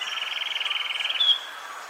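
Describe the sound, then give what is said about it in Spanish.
A sepia-brown wren (cucarachero sepia) sings a rapid, evenly pulsed trill of bright notes, ending in a brief sharper note before fading out, heard on its own with no talking; recorded in Caldas, Risaralda and Nariño, Colombia. “El trino del cucarachero sepia forma parte del Banco de Sonidos de Aves Colombianas, recopilado por el Instituto von Humboldt y la Universidad de Cornell.”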